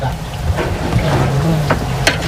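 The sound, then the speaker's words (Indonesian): Pieces of beef lung fry in hot oil, with the small pieces added after the large ones are cooked. A steady, rain-like sizzle and crackle runs over a low hum, with a few sharper pops toward the end. “Setelah paru berukuran besar matang, tinggal masukkan potongan paru yang berukuran kecil.”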